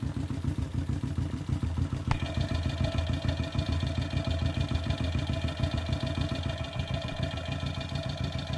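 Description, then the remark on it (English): Hot motorcycle exhaust gases pulse through the chambers of a muffler, heard through a contact mic pressed against the exhaust as a steady, rapid, throbbing low rumble; after a sharp click, a ringing metallic hum rises over it. “I'm going to press this against the exhaust, and we're going to hear the hot gases moving through it, resounding in the chambers of the muffler.”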